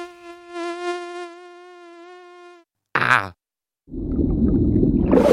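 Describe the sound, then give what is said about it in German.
A mosquito's thin, steady whine hums for a couple of seconds, wavering slightly, then falls silent; a brief sharp burst and a rushing, noisy wash follow. “Oh, Mücken.”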